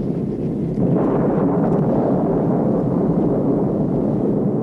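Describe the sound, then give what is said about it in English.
A deep, continuous rumble of thunder from a storm met during a flight rolls on steadily, growing louder after the first second and holding at a heavy level, with no voices. “It was quite a storm, and the pilot announced we were going to climb several thousand feet to get above it.”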